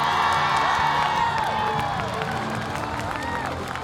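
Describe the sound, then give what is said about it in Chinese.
A large audience cheers and applauds steadily throughout, a dense wash of claps with scattered whoops and shouts rising above it, loud and sustained. “同时，我们把掌声送给”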